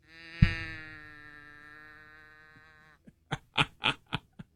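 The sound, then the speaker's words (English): A well-worn toy cow, turned upside down on the radio in Beaumont, Texas, gives one drawn-out, buzzy mechanical lowing tone that starts with a jolt and slowly fades, followed by a quick series of short, sharp clicks or knocks. “It's a cow. You turn it upside down, and then you go.”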